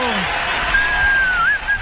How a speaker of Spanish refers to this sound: Así que para todos ellos también, para todos ellos también, un aplauso, pero grande, así de grande, grande, grande, grande. Grande el aplauso. ¡Grande el aplauso!